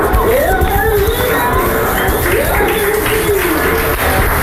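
A home crowd at a baseball game applauds and cheers pitcher Luis Sant'Anna as he is replaced after five innings, in a dense, steady wash of clapping that holds for several seconds, with raised voices rising and falling through the noise.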